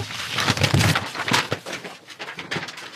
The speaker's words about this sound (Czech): Jej, tak se celý katalog rozpadne. Papíry jsou všude. Se mi to celý pomíchalo. Stránky mám úplně přeházené.